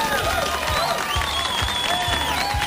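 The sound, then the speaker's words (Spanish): Steady applause from a crowd for the workers of Los Planchones fills the moment, dense and loud, with whistles and cheering mixed in over a low rhythmic thumping underneath. “Hombre, que están siempre desde las 2 de la mañana allí trabajando fuerte y se merecen un fuerte aplauso.”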